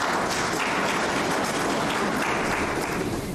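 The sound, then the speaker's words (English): Sustained applause from a crowd for the government at a Youth Development Fund event in Otjojanjuba, a dense and steady wash of clapping that holds at an even, fairly loud level throughout without any voices breaking through. “Give a round of applause for the government.”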